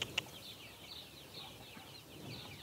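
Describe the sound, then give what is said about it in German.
Young chickens cluck and peep softly in a steady, scattered chatter, fairly faint, with a brief sharp tap near the start and no one talking. “Auch wenn den jungen Tieren das Ausbrechen leicht gelingt, Der Weg zurück ist für manche mühsam. Das ist typisch Hahn.”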